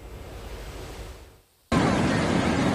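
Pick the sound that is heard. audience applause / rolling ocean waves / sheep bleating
rolling ocean waves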